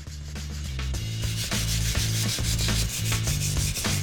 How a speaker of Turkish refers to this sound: Ve şimdi bu küçük fırçayı kullanacağım. Bu fırça en küçük deliklere kadar girip yüzeyi derinlemesine temizleyebiliyor.